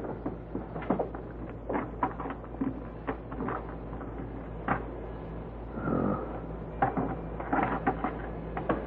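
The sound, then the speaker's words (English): A key, one of a couple being tried, scrapes and clicks in a lock through a run of sharp metallic taps and rattles, then a brief squeaking scrape as it fits, turns and the lock opens, over a steady low hum. “I've got a couple of keys I think will fit.”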